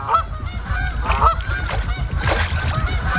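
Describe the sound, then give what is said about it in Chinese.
A flock of waterfowl, gathered in the unfrozen middle of an ice-covered lake in cold weather, calls continuously, goose-like honks overlapping in a loud, busy chorus over a low rumbling background, with no voices. “天气越来越冷，湖面的冰层越来越厚，成群的水禽只能聚集在湖心没结冰的有限范围内。”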